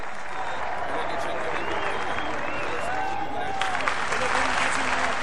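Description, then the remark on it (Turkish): A crowd of supporters in a large square claps and applauds oil wrestler Adalı Halil Pehlivan steadily throughout, dense and continuous, with scattered shouts and voices rising from the audience over the applause. “Tabii o da kendisini alkışlayan taraftarlarına selamlar dağıtarak iri gövdesini sallaya sallaya en son olarak yağ kazanının yanına geldi ve yağlanmaya koyuldu.”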